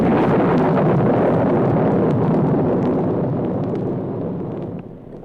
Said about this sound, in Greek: Η θάλασσα δυνατότερη. Κεραυνός.